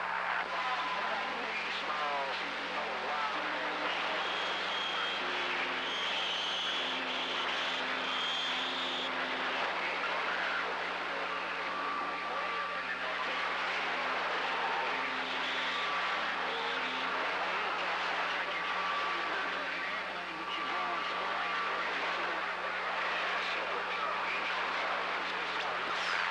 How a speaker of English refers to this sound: Well, that's probably just because I got this fan over here because it's a little bit hot over here, man.